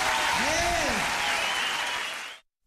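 Loud, dense applause from a large audience, a steady roar of clapping with a brief whistle or cheer rising above it, then cutting off abruptly.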